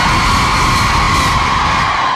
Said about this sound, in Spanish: Bienvenidos a CDJ Jóvenes. A ver, un grito a los hombres. Una, dos, tres. A ver, un grito a las mujeres. Ah, los hombres gritamos más fuerte.